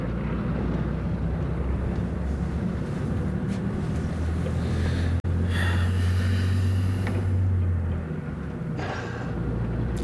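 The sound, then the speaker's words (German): A bus engine drones steadily from inside an empty bus, a deep continuous rumble with a faint hiss above it, shifting slightly in tone partway through. No one speaks. “Ist noch Platz neben dir? Der ganze Bus ist leer.”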